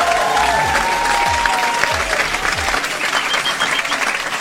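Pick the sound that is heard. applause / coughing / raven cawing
applause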